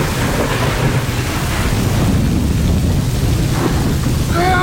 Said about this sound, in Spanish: Eran las 3 de la madrugada y caía un torrencial aguacero. Un aguacero terrible.